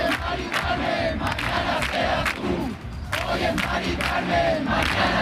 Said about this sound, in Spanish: Es el grito en la Plaza de la Encarnación de Sevilla, el grito de los acampados en demanda de vivienda digna y asequible tras conocer la muerte de Mari Carmen en Madrid.